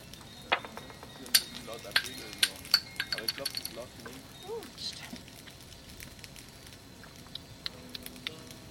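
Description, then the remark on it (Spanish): A campfire crackles with sharp, irregular pops and snaps, busiest in the first few seconds and then thinning out, while faint voices murmur in the background. “Escuchamos cómo se escucha esa fogata, a ver si la podemos grabar.”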